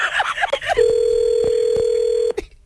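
A telephone tone sounds as a steady, unbroken electronic pitch for about a second and a half, following a moment of overlapping voices and a few faint clicks.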